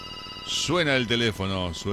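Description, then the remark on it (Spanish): A voice imitates a ringing telephone, sung as a few quick warbling bursts in a bouncy rhythm, fairly loud, with a faint steady high tone underneath before it starts. “Suena el teléfono, pero no vamos a atender hoy porque no estamos, estamos procrastinando.”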